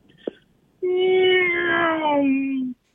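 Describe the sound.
A person imitates a race car with their voice: a short click, then one sustained, buzzy engine drone lasting about two seconds, holding a steady pitch before sliding slightly lower and cutting off.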